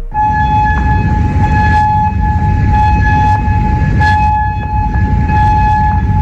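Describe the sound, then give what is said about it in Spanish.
A loud air raid siren in Kuwait, sounding as Iran launches missiles, holds a steady, sustained tone throughout, layered over a constant low rumble, with no voices present. “Y esas sirenas en Kuwait también retumbaban en Amán, Jordania o en Bahrein a lo largo de este lunes, después de que Irán decidiera a lo largo del día replicar a una novena noche de consecutiva de bombardeos selectivos de Estados Unidos”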